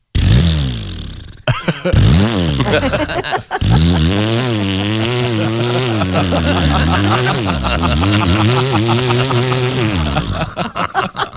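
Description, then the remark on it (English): A voice imitates a revving chainsaw as a joking Canadian mating call, loud, with buzzing harmonic drones that rise and fall in pitch through two short bursts and then one long sustained rev. “They love their chainsaws, man.”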